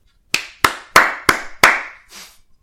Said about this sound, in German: Und ich finde, das ist schon einen Applaus wert. Also, jetzt alle mal klatschen.